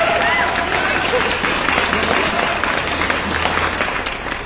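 Loud, sustained applause for the lucky winner of a radio quiz fills the whole stretch, a dense wash of many hands clapping at an even level with no pauses or build.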